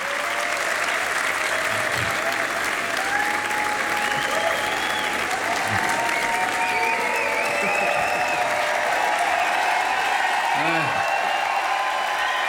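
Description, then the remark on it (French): A concert audience on the stage of the Jazz à Vienne festival applauds steadily for the whole stretch, a dense wash of clapping with scattered cheers, whistles and voices rising through it. “comme tout timide et embarrassé par ses applaudissements, il salue comme au théâtre.”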